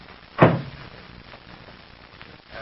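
The door of the rear compartment of a plane shuts with a single solid thud, then a brief quiet stretch and a faint click or rattle near the end, as it is locked.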